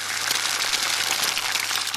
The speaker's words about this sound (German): Erstmal steigt ein bisschen Dampf auf und es zischt. Das ist das Wasser, was verdampft. Ziemlich schnell passiert auch was mit dem Ei.